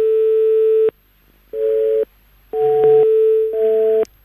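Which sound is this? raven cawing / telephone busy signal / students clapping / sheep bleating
telephone busy signal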